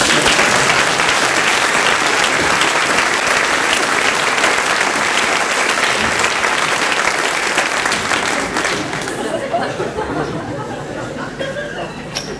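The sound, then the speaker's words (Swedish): Loud, dense audience applause with many hands clapping steadily, a few chuckles mixed in, then the clapping thins out and fades over the last few seconds. “Applåd.”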